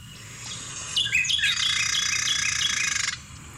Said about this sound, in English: I'll play the Carolina Wren because... I don't know, you associate that one with kind of, I feel like some morning kind mm-hmm. of sound you might hear. Like, Does sound very morning.